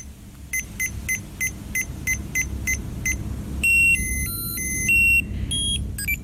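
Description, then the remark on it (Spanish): A Tamagotchi electronic toy pet from the 1990s beeping: a rapid series of about nine short, high-pitched chirps, then a little stepped melody of shrill tones, all over a low rumbling background. “Eso, así sonaba un Tamagotchi.”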